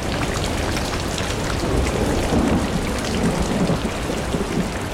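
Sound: heavy rain and thunderstorm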